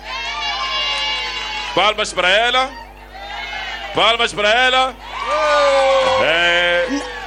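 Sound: audience applauding and cheering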